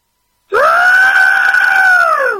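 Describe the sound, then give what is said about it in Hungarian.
A person voices a pterosaur-like screech: one loud, sustained, high-pitched shriek lasting about two seconds after a brief silence, holding a steady pitch before sagging slightly at the end. “Jól gondoltuk, hogy ez a madár, ami repül?”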